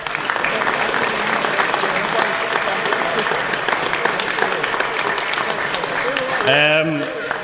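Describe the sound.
A crowd breaks into steady applause, dense clapping sustained at an even loudness throughout, with a voice briefly starting to speak over it near the end.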